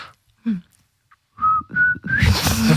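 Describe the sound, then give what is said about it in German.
A person whistles a short tune of three clear, sustained notes, ending in a loud, breathy burst of noise. No one speaks. “Also kann auch super nervig sein, aber ich liebe es zu pfeifen.”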